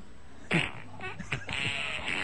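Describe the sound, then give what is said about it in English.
Several short, sputtering fart sound effects play in quick succession from a fart app on a small phone speaker, thin and moderately quiet, with brief gaps of hiss between the bursts and no talking. “Okay, this is my fart app. That I'm gonna see if it plays.”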